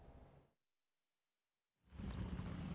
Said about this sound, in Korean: 지난해 7월 17일 충남 서산에 앞이 보이지 않을 정도로 쏟아진 폭우. 이와 함께 쉴 새 없이 천둥, 번개가 내리쳤습니다. 하루 동안 쏟아진 낙뢰가 무려 2,570차례.